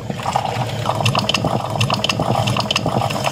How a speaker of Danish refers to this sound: For mig, der er det, når jeg har sat min kaffe over om morgenen. Mm. Og det tror jeg er meget dansk lyden af kaffen, der er klar. Vi kan være, vi lige skal høre, hvordan det lyder.